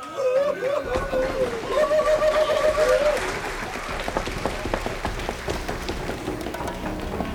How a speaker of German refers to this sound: Applaus.